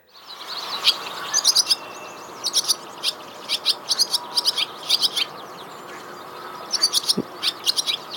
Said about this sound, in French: Alors, là, ce qu'on entend, c'est une hirondelle rustique. Et donc ici, on parle de notes chaotiques. Alors, je ne sais pas si vous avez entendu à la fin, on a un son qui est assez brut, assez transformé.